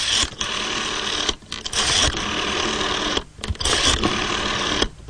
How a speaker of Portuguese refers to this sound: O som inconfundível, não é? Tantas e tantas vezes que disquei o número ali com o dedo indicador para pedir uma música na rádio.